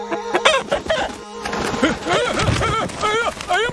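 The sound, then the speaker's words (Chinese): A big rooster clucks and squawks excitedly as someone tries to catch it, in a rapid run of loud, agitated calls, with a busy scuffle of other noise underneath. “是大公鸡呀，你别捉我呀。”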